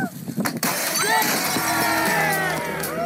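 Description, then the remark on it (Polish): A television is smashed by a thrown hammer at the World Championship in hammer-throwing at televisions, an annual contest in Jąkowo near Olsztyn, Poland: a sharp crash of breaking glass, then a steady wash of rattling debris and noise with voices mixed in underneath. “W Jąkowie pod Olsztynem odbywają się Mistrzostwa Świata w rzucie młotkiem do telewizora.”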